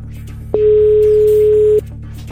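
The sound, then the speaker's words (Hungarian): A single steady electronic telephone tone sounds for just over a second as a radio presenter phones a quiz contestant, loud and clear over a low background hum, then cuts off abruptly. “Én már csörgök is egyet, lássuk, ki lesz itt a befutó, tudja olyan a szlógenünket, meg a helyes választ.”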